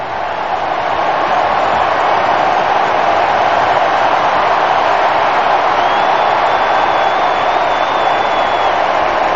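A huge stadium crowd in Kansas City roars in sustained cheering and applause as Leo Messi, Argentina's number 10, comes on to the pitch, replacing Lautaro. It is a dense, loud wash of noise that holds steady throughout, with a faint whistle rising above the din.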